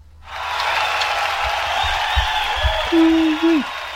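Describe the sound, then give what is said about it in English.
A sound-effect recording of a crowd bursting into sustained applause that swells quickly and holds steady, with a single rising-and-falling whoop ringing out near the end. “Does he get a round of applause? He does, if I remember where I put it.”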